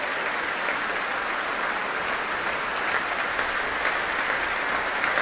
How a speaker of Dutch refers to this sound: Ja, en terecht een groot applaus hier in Amsterdam voor deze heerlijke uitvoering van die symfonie Fantastiek van Berlioz.